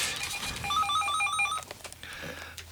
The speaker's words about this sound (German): Es klingelt das Telefon an dieser Stelle.